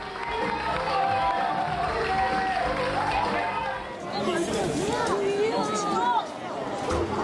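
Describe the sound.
A large audience gives the actors a standing ovation after their performance, a dense, steady wash of applause and excited crowd voices that stays loud for the whole stretch.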